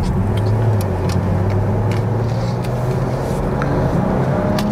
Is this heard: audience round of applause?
no